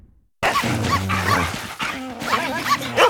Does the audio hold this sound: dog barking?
yes